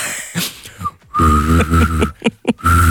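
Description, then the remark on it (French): Someone whistles a steady high note while humming a lower note at the same time, the two tones sustained together, with brief breaths and pauses between attempts. “C'est que je sais siffler et faire une note en même temps.”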